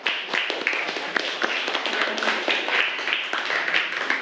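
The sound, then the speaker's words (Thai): A class of students claps together for about four seconds for a classmate who gave a correct answer in a math lesson on exponents, a dense, steady patter of many overlapping hand claps at an even loudness, with no voices. “11ยกกำลัง0ถูกต้องไหมคะถูกต้องนะคะขอบคุณมากค่ะปรบมือให้กับเพื่อนคนแรกของเราค่ะ”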